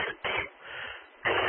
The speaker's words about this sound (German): Ich weiß jetzt gar nicht, warum ich jetzt aber mal Husten hier kriege. Das möchte ich auch mal gerne wissen.